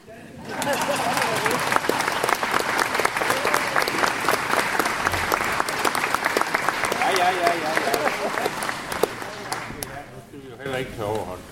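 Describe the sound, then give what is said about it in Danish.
A large audience applauds steadily for about ten seconds, a dense, loud wash of many hands clapping with a few voices mixed in, before thinning out and fading at the end, applauding the choirs and orchestra at a concert. “I må da gerne klappe.”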